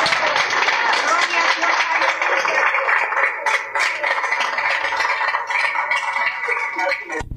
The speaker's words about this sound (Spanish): ¡Fuerte aplauso al Señor! Gracias, mi amor. Dios te bendiga. ¡Más aplausos a nuestro rey! ¡Gloria a Dios!